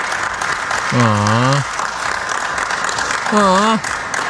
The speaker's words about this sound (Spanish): Espérate, no aplaudan, espérense.